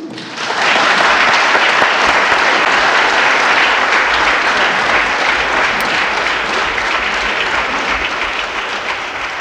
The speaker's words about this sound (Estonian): Ja, peaks olema siis niimoodi, et kõik Riigikogu liikmed kui varasemate kogemuste põhjal astuvad siis rivvi ja kõigepealt aplodeerivad, fraktsioonide esindajatelt tulevad lillekimbud ja minust kõik jäävad korra siis läbi ja suruvad Ülle Madisel kätt.